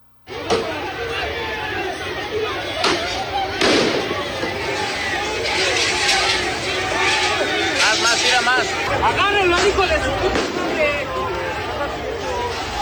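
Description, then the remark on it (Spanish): A loud crowd of fans shouts and yells outside Estadio Azteca in Mexico City, celebrating the Mexican national team's win, a continuous din of overlapping voices punctuated by several sharp bangs or cracks. “También gritos ahí, sombrerazos, escuche.”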